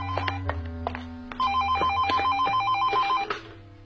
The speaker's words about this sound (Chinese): 办公室有电话，我去接。